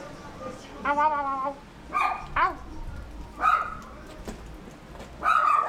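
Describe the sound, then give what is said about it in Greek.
A dog barks and yips several times in short, uneven bursts, loud, with some whiny harmonic tones over a noisy outdoor background in a village; no clear talk accompanies it. “Σκυλί!”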